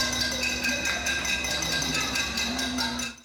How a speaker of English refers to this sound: Residents were heard banging pots and pans after calls on social media to protest power outages that have become all too common for Cubans.